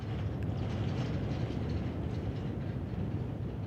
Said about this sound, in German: Sieben Kilometer lang ist die Strecke vom Moor bis zum Torfwerk. Der Zug braucht dafür eine knappe Stunde.